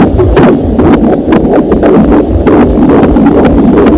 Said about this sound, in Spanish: Estamos escuchando el latido de un corazón en una ecografía, o sea, estamos hablando de muy los primeros momentos.